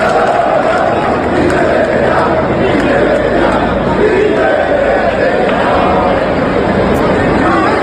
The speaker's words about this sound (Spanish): Estos gritos de …, de estos gritos de indignación, pues tenemos la memoria llena